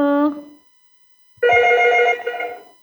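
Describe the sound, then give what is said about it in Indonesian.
A telephone rings with an incoming listener call to the Pro4 radio call-in programme: bright, harmonic electronic tones, a short burst, a pause of about a second, then a longer, louder ring, clear with no talking. “Iya, bunyi. Iya, bunyi. Bunyi. Terima dulu ya.”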